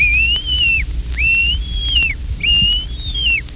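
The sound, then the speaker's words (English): A wigeon's answering whistle, sounded three times in an even rhythm: clear, high, drawn-out notes that bend up, hold, then drop away, over a low rumbling background. “The Weegean's answering call.”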